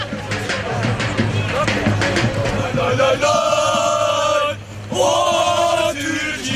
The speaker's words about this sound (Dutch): Je hoort hier al de fans op de achtergrond. Turkije, Turkije schreeuwen.